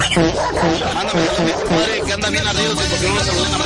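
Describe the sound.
A pet dog growls low and steadily for a few seconds, fairly loud, with a voice mixed in underneath.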